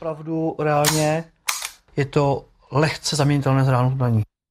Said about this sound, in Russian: Этот макет, оружие для страйкбола, даже звуки издает натуральные, например, при передергивании затвора.